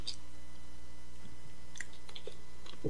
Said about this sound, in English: Let me take a little slurp here. A little slurp of water.